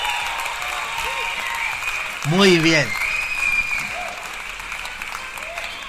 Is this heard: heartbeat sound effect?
no